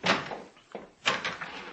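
A hall door being opened: a short series of clunks and rattles from the latch and handle, with a sharper knock near the middle, at moderate loudness and with no one talking.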